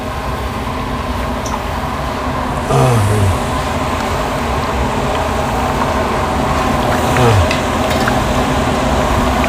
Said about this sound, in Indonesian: Begitu seterusnya sampai kurang lebih setengah matang, baru ditiriskan, dan ini adalah proses menggoreng yang pertama.